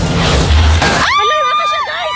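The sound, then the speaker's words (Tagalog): A large tree crashes down into the Busuanga River in Barangay Monte Claro, San Jose, Occidental Mindoro, after the river swallowed the ground it stood on, with a loud, rushing splash lasting about a second, followed immediately by people shouting and screaming. “Bumagsak ang isang malaking puno ng lamunin na ng ilog ang lupang kinatitirikan nito sa Barangay Monte Claro, San Jose, Occidental, Mindoro.”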